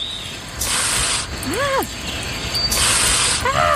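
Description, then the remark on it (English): A Canada goose gives two long, harsh breathy hisses, each followed by a short rising-and-falling nasal honk, with no talking. “That sound, the hissing, the honk.”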